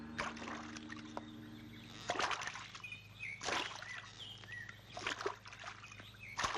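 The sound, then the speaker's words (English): Rhythmic splashing strokes of a rowboat pushing through river water, each stroke a soft swish about every second and a half, with a few bird chirps in the background. “Brother, there's a boat over there.”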